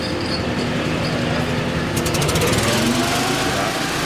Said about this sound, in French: On met en route un énorme ventilateur avec une génératrice pour évacuer les fumées.